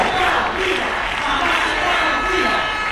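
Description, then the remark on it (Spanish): A large crowd of thousands of protesters roars and chants together in the streets of Ceuta in an afternoon peaceful demonstration calling on the government for greater involvement, a dense, steady wash of many voices with no pauses, loud throughout. “Miles de personas se han manifestado pacíficamente para reclamar al gobierno una mayor implicación para que no vuelva a suceder una tragedia humanitaria como la de la semana pasada en la ciudad autónoma.”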